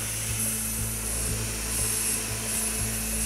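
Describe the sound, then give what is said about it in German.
A surgical bone drill runs continuously during an operation, making a steady, droning motorized whir with a low buzzing hum and faint rhythmic ticks, with no voices. “Bohrer für mich, bitte. Das klingt jetzt gleich wie beim Zahnarzt.”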